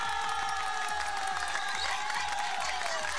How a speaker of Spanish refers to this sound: Hoy se celebra el Día del Ingeniero Peruano. Un aplauso, por favor, para todos los ingenieros.